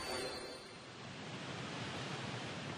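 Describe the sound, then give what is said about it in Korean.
A steady, dense roar of rushing water from Victoria Falls in Africa fills the whole clip, broad and constant like a powerful waterfall, with no breaks and no voices. “아프리카의 꽃, 빅토리아 폭포에서 첫 여정을 시작합니다.”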